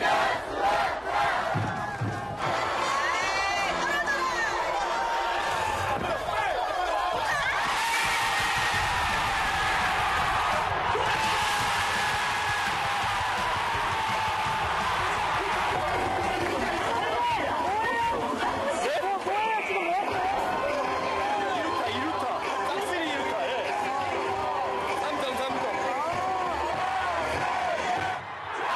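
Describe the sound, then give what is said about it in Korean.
A large baseball stadium crowd roars and cheers without a break after a home-team score, a dense wall of voices with shouts rising and falling over the steady din for the whole half minute. “응원의 함성이 경기장을 가득 메웁니다.”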